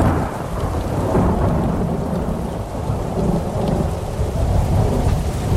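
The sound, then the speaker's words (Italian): A film's thunderstorm with lightning, as young Martin Luther stumbles in the mud: heavy, steady rain hissing throughout while deep thunder rumbles rolling low underneath. The roar stays loud and even, with no voices. “Il film inizia quando, fra lampi e fulmini, il giovane Martin Lutero inciampa nel fango, rappresentazione questa esplicita dell'imperfezione della vita terrena.”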